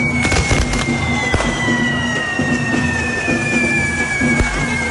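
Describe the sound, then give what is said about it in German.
Fireworks crackle and bang through a steady roar, with sharp bursts scattered throughout, a whistling tone sliding slowly downward, and a pulsing drumbeat underneath at a correfoc fire run, with devils dancing and sparks flying, on the Plaza de las Columnas in Palma. “Heute Abend gibt's dort nämlich einen Feuerlauf, einen sogenannten Correfoc.”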